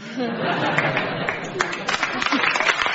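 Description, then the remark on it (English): Thin, half-hearted applause from an audience: scattered claps at a steady moderate level, mixed with murmuring chatter and a few chuckles, lasting about three seconds. “Reluctant applause, I'll put that down as Justin.”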